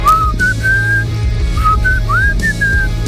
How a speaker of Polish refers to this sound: Arbiter gwiżdża, podobnie jak … w utworze ….